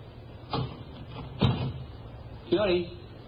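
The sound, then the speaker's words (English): A hotel room door being opened: three separate knocks and clunks from the handle and latch, about a second apart, the last one trailing into a brief creaky or voiced sound, all over a quiet hiss. “Well, try the door. Huh? Oh, yeah. It's open.”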